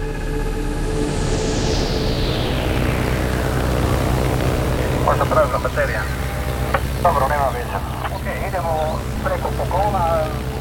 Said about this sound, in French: Au sud de la Colombie, un petit avion bleu et blanc survole l'épaisse canopée de la forêt amazonienne. C'est un Cessna, dont l'habitacle contient seulement 6 places.